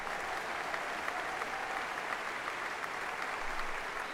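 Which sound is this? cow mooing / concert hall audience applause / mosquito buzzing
concert hall audience applause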